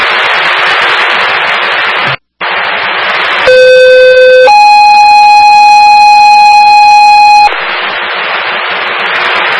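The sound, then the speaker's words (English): A loud two-tone fire dispatch medical alarm for A2 engine 4, sent to 122 Grove Street, Amigo, for a trauma: a steady, buzzy lower tone for about a second, then a higher sustained tone for three seconds, framed by harsh radio static before and after. “Medical shift alarm for A2 engine 4, 122 Grove Street, Amigo, with a trauma.”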